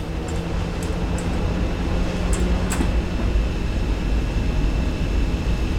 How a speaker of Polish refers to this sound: No bo teraz nie ma żadnego obciążenia, teraz sama lokomotywa jedzie. Pewnie nieraz słuchacze mieli okazję mieć do czynienia z samodzielnie jadącą lokomotywą przez stację. No to właśnie ja coś takiego robię teraz.